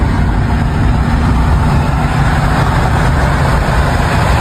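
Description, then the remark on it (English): A car engine rumbles loudly and steadily, a constant low roar as a driver pulls his car up next to another car, with no voices heard. “All right, pulls up next to her here.”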